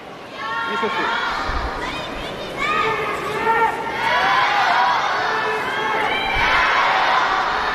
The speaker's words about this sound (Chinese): 今天呢，宁波的现场观众呢，一定是会把所有的这个掌声啊，所有的鼓励声呢，都给到东道主选手石玉琪。